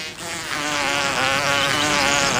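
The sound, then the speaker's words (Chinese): A male bee buzzes with its wings folded, vibrating its flight muscles to shake pollen out of a flower's pollen sacs: a dense, droning hum with a rich stack of overtones that wavers slightly in pitch, loud and continuous throughout with no voices. “雄蜂收拢翅膀，让飞行机不停震动，把花粉从花粉囊中抖落出来。”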